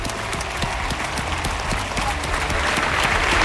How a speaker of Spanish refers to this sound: Y queríamos acordarnos de ella, así que un fuerte aplauso para María, que está viéndonos desde arriba.